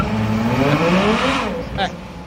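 A V12 car engine pulls away gently in first gear and accelerates, its steady roar climbing in pitch as rising harmonics sweep upward, staying loud throughout with a brief higher whine near the end.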